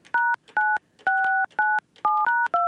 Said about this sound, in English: Going to the phones. We're just going to call him.